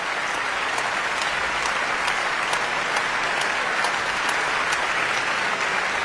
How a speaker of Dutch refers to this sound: En Hoving laat het hele orkest nu staan om het applaus in ontvangst te nemen.